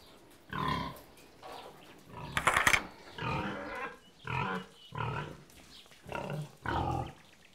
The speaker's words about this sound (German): Auf dem Hof gibt es auch noch Schweine. 12 Angler-Sattelschweine. Eine alte Rasse, was sonst.